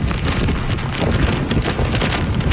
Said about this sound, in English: That's how the storm sounded on the northern tip of the island. Heavy rain along with wicked winds of 144 kilometers an hour, gusting to nearly 200.